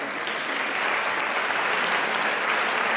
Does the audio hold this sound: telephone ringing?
no